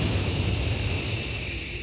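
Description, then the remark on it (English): A steady, loud hiss of a pressurized jet of moisture spray in an advertisement for the Rowley 903 cigarette, a broad airy rush that holds evenly for a couple of seconds with no voices over it. “That jet of fresh pure moisture stands for the new, all-new Rowley 903 cigarette.”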